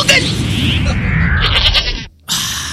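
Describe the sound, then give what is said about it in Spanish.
A goat lets out a loud, harsh, wavering bleat lasting about two seconds, then a brief pause before another burst of noise begins. “El chivo, ¿por qué ladra?”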